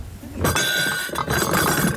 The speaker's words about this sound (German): stellt weißes Geschirr mit Goldrand auf eine Ablage aus Pappe.